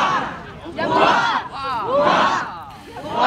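A large crowd cheers and shouts in loud, continuous waves, voices rising and falling together, with whistles and high calls cutting through the roar of many people, greeting the royal couple as they walk down to the quay at Odense Harbour during a royal visit to Odense.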